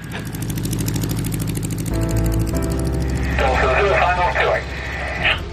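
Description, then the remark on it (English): A light aircraft's engine drones loudly and steadily with a rapid pulsing throb, its pitch shifting as the plane takes off and becomes airborne at a midsummer get-together of pilots, while a radio-like voice briefly cuts in over the noise. “Craft Whiskey Golf that's just airborne.”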